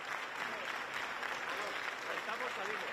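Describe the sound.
Sustained applause from a large crowd in Melilla, Spain, after a speech by King Felipe VI, a dense, steady wash of clapping that holds at an even, fairly loud level throughout, with a few faint voices mixed in.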